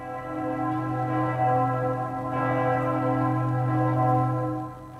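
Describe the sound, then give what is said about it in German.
The church bells of Ulm Minster in Ulm ring out loud on the full hour, their deep tones overlapping in a rich, sustained peal that hums and swells for several seconds with no voices present. “Stellt euch mal vor, ihr seid ganz hoch oben im Turm und hört dann die Glocken läuten, pünktlich zur vollen Stunde.”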